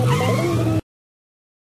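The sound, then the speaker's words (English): A loud car engine revs up with a rising tone for under a second, then cuts to silence before a brief burst of sound returns at the very end. “Hey, don't touch the car!”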